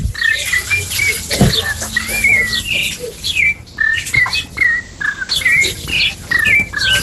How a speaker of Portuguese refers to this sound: Ó, oh, Sabiazão cantando lá.